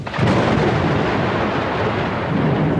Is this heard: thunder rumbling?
yes